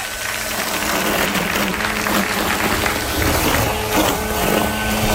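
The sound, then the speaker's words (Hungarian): An electric hedge trimmer runs steadily for several seconds, a dense mechanical buzz with rattling, chattering texture as it chops through growth, loud and even throughout with no voices. “Ez a szegényíró volt.”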